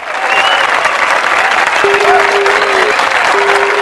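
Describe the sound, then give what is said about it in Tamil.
An audience claps steadily and loudly for about four seconds, a dense, even patter throughout, with a faint steady tone humming underneath during the second half. “ஒரு கைத்தட்டில் மட்டும் கொடுங்கய்யா.”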